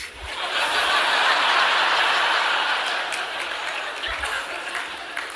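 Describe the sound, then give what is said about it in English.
A live audience breaks into scattered clapping mixed with light laughter, a steady crackling wash that swells early and tapers slightly by the end, with no one talking over it. “Now, I got a few claps on that, which I'm not asking for, but that's what excites men.”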